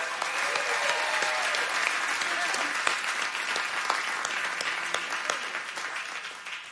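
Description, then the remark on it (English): A steady burst of audience applause for the band at a live music performance, dense clapping filling the whole stretch with scattered sharper claps, holding level before easing slightly at the end. No one speaks over it. “Big round of applause to my band, please.”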